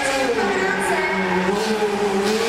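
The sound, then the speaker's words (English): A one-of-a-kind stunt car's engine revs steadily and loudly, its pitch rising and falling slightly in a sustained drone, with no pauses across the short stretch; the car does 180, 360 and 540-degree spins and jumps backwards. “Any driver that can handle the 180s, 360s, the 540s better than this guy.”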